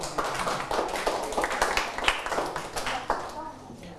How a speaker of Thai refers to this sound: ดีมากเลยนะครับปรบมือให้เพื่อน